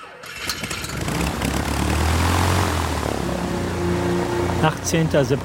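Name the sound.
propeller airliner engines running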